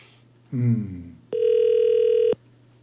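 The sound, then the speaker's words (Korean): A phone ringback tone sounds once as a steady, loud electronic burst lasting about a second, with no answer. A brief voice is heard just before it. “아유, 전화를 안 받는다.”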